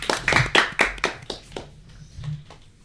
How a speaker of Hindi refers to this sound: चलिए तालियां बजाइए।